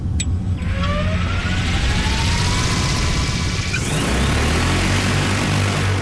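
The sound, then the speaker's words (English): An agricultural spray drone, loaded with water for a demonstration over a field, takes off, its motors spinning up into a loud, steady roar with a rising whine that climbs in pitch over several seconds, no voices present. “Today, Sadie and Cody are only spraying water to demonstrate what the drone can do. It'll start counting down.”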